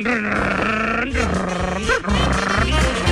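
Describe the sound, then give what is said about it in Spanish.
A voice mimics a motorcycle engine starting and revving: a steady, buzzy, growling drone that dips and rises in pitch in a few surges, loud and unbroken for about three seconds. “Dijo él imaginaba que tenía una moto dentro. Arrancó por toda la pieza.”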